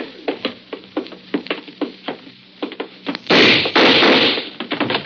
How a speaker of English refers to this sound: I got the door open.